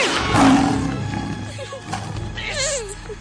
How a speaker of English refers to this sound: It's a lion!